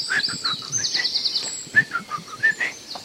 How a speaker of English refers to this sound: Let us then just sink back for a moment, take in the last of the bird song, the serenity of the forest glade, just for a moment longer.